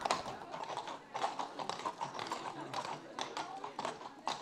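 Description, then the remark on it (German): Horse hooves clip-clop in a steady, slightly uneven rhythm of sharp, crisp knocks, moderately loud throughout, with faint voices murmuring underneath, as horses are tested for how they cope with music and drums for a parade. “Ob die Pferde die Musik wegstecken und wie panisch sie reagieren, wenn die richtig auf die Trommeln hauen.”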